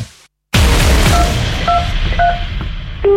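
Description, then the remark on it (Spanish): Several short telephone keypad tones beep at uneven intervals, fairly clear but sitting over a loud, rumbling wash of noise that bursts in after a moment of silence. “Lo sentimos, el número que has marcado.”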